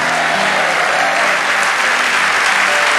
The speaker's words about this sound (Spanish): Vamos, dale ese aplauso a nuestros...